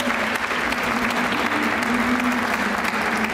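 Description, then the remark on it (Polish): Sustained applause from a TV studio audience welcoming a beekeeper guest, a steady dense patter of many hands clapping at once, loud, continuing evenly throughout without any talking. “Wielkie brawa, dzień dobry.”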